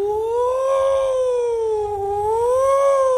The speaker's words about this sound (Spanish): Pero Israel, siempre que es atacado con misiles, hermano, se activa la sirena.